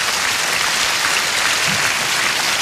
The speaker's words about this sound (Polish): Świętej pamięci …. Duże brawa zróbcie dla niego. Pierwszy perkusista zespołu.